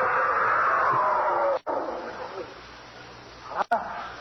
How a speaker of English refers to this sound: Your Burmese tiger pit has claimed one of my best dogs.